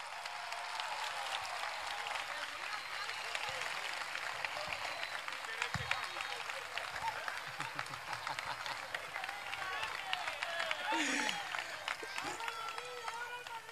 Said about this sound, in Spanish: La verdad que aquí me veis, sé que el futbolista soy yo, pero sin esta persona aquí, yo creo que este niño que se fue de su casa no hubiera sido posible, así es que quiero que le deis el más fuerte aplauso para él, porque se lo merece.